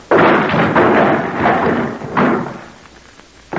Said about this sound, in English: I could break this door open.